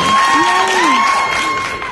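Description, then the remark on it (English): A crowd cheers and applauds loudly and steadily for a couple of seconds, a dense wash of clapping with a few voices whooping above it, fading slightly at the end. “The crowd, that like cracked me up.”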